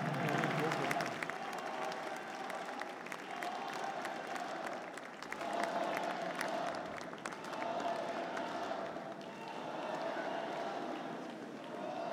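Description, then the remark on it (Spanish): A large crowd applauds steadily for about twelve seconds, dense clapping forming a continuous wash of sound with slight swells, broken now and then by faint shouts. The applause is for David Monreal Ávila, governor of the state of Zacatecas, Mexico, at his fifth government report. “Más fuerte el aplauso al licenciado David Monreal Ávila, gobernador del estado de Zacatecas.”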